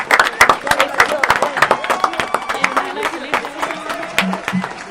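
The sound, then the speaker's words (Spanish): A room full of people applauding to thank seventh-grade class séptimo B of Escuela Libertador de los Andes, dense irregular clapping that stays loud and steady for several seconds, with a few voices calling out over it. “Bueno, nos despedimos con un fuerte, fuerte aplauso y gracias a nuestros espectaculares.”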